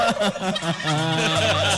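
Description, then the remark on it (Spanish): A turkey gobbles loudly, a rapid warbling burst of rattling calls that gives way to a steadier, drawn-out tone near the end. “Vaya, Pavo. Pavo jabonero.”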